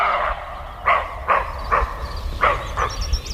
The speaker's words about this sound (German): Ich habe noch nie ein Reh gehört, was gebellt hat, deswegen war das für mich ein bisschen komisch. Also ich bin erstaunt, weil ich dachte immer, Rehe wären so ganz ruhig.